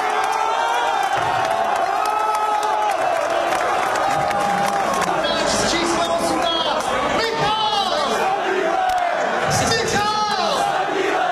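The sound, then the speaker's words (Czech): A large crowd of Czech football fans in red jerseys, packed into the courtyard of the Smíchov brewery, erupts in loud, sustained cheering and shouting after a Czech goal scored by Sadílek at the championship, with whoops and excited yells rising over a dense, continuous roar. “Radost z gólu měli i fanoušci v červených dresech v zaplněném dvoře smíchovského pivovaru.”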